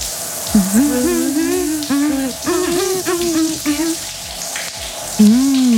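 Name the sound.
running shower water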